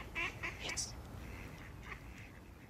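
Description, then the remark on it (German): A duck, awake at night, quacks in a quick run of raspy calls, followed by a few fainter, scattered quacks against a quiet, slightly noisy background. “Doch die Ente auf.”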